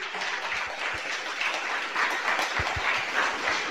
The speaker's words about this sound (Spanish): Aplauso para Cristo Jesús.